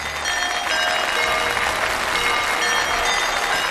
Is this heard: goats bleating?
no